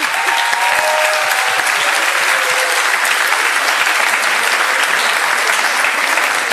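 Sustained, loud applause from a large audience fills a tent at a youth gathering, dense clapping continuing steadily without pause, with a few faint cheers or whistles mixed in.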